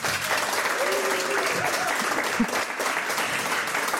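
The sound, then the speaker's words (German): An audience claps steadily for several seconds at a live radio broadcast, a dense, even patter of many hands with a faint tonal murmur underneath and no clear speech. “Und wir haben, wie immer, ein sehr, sehr sympathisches Publikum hier sitzen, das sehr erwartungsvoll guckt und auch erwartungsvolle Klatschgeräusche machen kann.”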